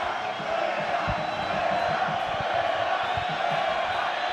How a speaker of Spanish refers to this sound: Mira, ahí está …. … llamando a gente para que griten.